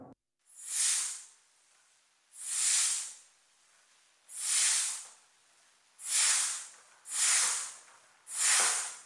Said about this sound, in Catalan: El cuir de la manxa està foradat. L'instrument és massa vell i la fusta s'ha ressecat amb els anys. Cada vegada que omplo el pulmó, l'aire s'escapa per una esquerda d'un pam i mig abans d'arribar als tubs principals.